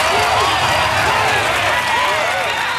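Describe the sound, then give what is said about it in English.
A loud, sustained round of applause from a crowd, dense and steady throughout, with cheering and voices mixed into the clapping, applauding news that paperless passenger arrival cards are coming to Australian airports. “Can we have a round of applause for this, please?”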